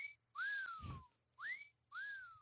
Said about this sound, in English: Other ones are like, let's see what else. There's a whistle.